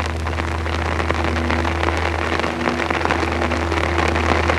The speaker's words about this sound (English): And the other sounds of the monsoon rain pouring down. Or the night-long drizzle drumming on your poncho.